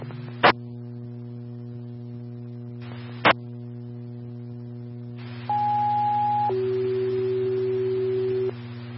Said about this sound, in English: Farmington Fire Station 4, Farmington Station 4, these are test tones. Please advise if your station tones went off. Again, Farmington Station 4, Station 4, please advise if your tones went off. These are test tones.